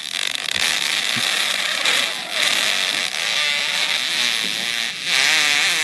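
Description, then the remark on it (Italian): A very long, loud fart of about 40 seconds, called the longest in history, that keeps going without a break, rasping and sputtering with a wavering, buzzy pitch that rises and dips throughout. “Un uomo entra nella storia con la scoreggia più lunga della storia dell'umanità, 40 secondi di scorreggia.”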